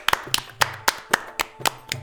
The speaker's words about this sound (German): Als Fatima sich am Ende verbeugt, klatschen die drei ganz oft und ganz laut.